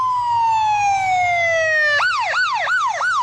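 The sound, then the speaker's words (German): A loud ambulance siren from Fire Station 10 in Seattle, Washington, USA, on an emergency run: a long descending wail gives way to rapid repeated yelping sweeps, over a low rumble of engine and road noise, with no talking. “Wenn 8-5 oder 8-10 die Rettungswagen der Feuerwache 10 in Seattle zu einem Einsatz fahren, haben sie es eilig.”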